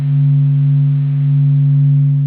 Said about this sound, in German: Diese Veränderungen können Teleskope am Boden oder an Bord von Raumsonden aufzeichnen und sie können das Summen der Sonnenaktivität hinterher sogar wieder hörbar machen.